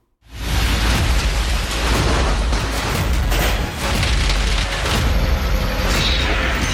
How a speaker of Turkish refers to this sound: Böylesi ne görüldü ne duyuldu. Tenis topu büyüklüğündeki dolu araç camlarını tuzla buz etti. Görüntüler Paraguay'ın başkentinden gece saatlerinde başlayan dolu yağışı adeta şehri savaş alanına çevirdi.